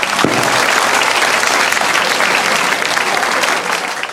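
Sustained audience applause, a dense wash of many hands clapping at a steady loud level for the whole stretch, easing slightly at the end.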